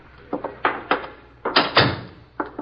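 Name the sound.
door being opened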